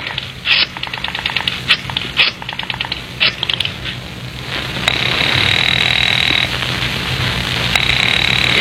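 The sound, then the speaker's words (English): A run of quick, uneven clicks gives way to a telephone ringing as a call is placed: a loud, shrill, buzzing trill that sounds for a second or two, pauses, then starts again. No one answers and no one speaks. “It's ringing.”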